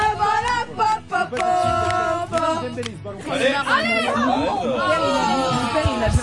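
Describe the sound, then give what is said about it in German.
French students in a bar at Frankfurt station cheer for France while watching the World Cup quarter-final against Morocco, a dense crowd of voices chattering and calling out, swelling midway into louder, pitch-sliding cheers and chants that carry on steadily to the end. “Und so klingt das, wenn Les Bleus ihre Equipe anfeuern.”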